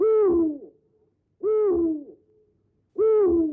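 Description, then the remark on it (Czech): Three loud owl hoots spaced evenly about a second and a half apart, each a low descending tone that trails off, with quiet gaps between and no talking. “Sotva ohlásila splnění svého úkolu, sova odhoukala večerku.”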